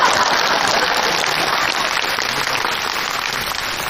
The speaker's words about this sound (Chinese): 谢谢各位同情的掌声吧。